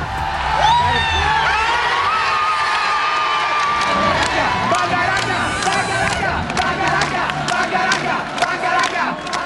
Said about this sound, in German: so hat sich das angehört, der Jubel der Leute im Stadion.